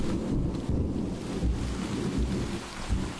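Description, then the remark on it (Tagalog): Steady rain and wind wash over everything, with low, rumbling thunder rolling through the background. The storm stays constant and fairly loud, with no voices present. “Ikaw lang at ako sa gitna ng bagyo.”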